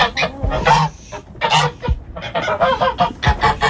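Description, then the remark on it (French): Several geese honk loudly in overlapping bursts, a busy, rhythmic chorus of harsh nasal calls with brief gaps between them. “Ah, ouais, mais attends, il y a les oies. Ça va, les filles?”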